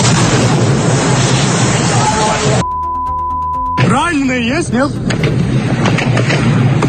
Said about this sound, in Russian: Очень много выстрелов и хлопков. Слышите, да? О, Господи. Это ужас какой-то. Это страшно, на самом деле.